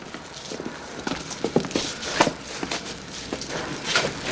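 A hard knock as a rider's head strikes a wooden door lintel while his horse passes through the doorway, then a tumble of irregular thuds and scuffling knocks as he falls to the ground and springs back up, with sharper wooden hits scattered through, no voices.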